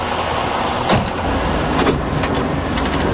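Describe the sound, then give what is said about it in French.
A steady, rumbling engine of a campaign bus touring the province drones, with a few brief louder bumps and rattles breaking through the constant low roar. “Distribution de pancartes, tournée de la province à bord du bus de l'Unité.”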